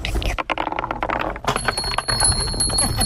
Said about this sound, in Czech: Děti si u řeky v České Třebové nejen pohrají, ale nenápadně si vyzkouší také fyzikální zákony a procvičí jemnou motoriku. V parku na Zámostí pro ně vyrostlo 5 nových dřevěných kuličkových drah.